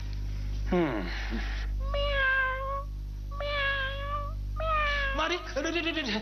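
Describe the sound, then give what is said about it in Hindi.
A cat meows repeatedly, with about four or five drawn-out, tonal meows in steady succession, each fairly loud and clear over a faint low hum. “ये बिल्ली क्यों मेरे सामने से चली?”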